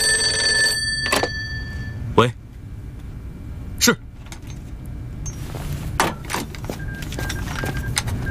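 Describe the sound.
An old telephone bell rings for about a second at the start with a call for the regiment commander, then stops. Sharp clunks and clicks follow over a steady low rumble, with faint voices in the background.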